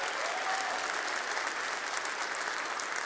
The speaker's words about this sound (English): Thanks for that encouraging applause. I wasn't sure how you guys would take that. That's good. It's good to hear.